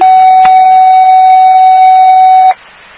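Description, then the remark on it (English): A loud, steady electronic fire alarm tone to Station 25, dispatching a call for an 85-year-old man, holds one pitch for about two and a half seconds, with brief clicks near the start and end, then cuts off abruptly into faint background hiss. “Fire alarm to station 25.”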